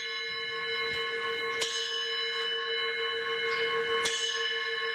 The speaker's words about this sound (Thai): เป็นระฆังทองเหลืองขนาดใหญ่นะครับใหญ่เท่าฝ่ามือนะครับ